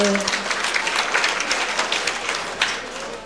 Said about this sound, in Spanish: Fuertes aplausos para Dios, hermanos.